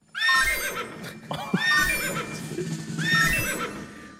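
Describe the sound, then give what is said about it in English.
Three loud horse whinnies in a row, each a shrill, quavering neigh that trails off, with brief gaps between them and no talking. “The three horses I gift you.”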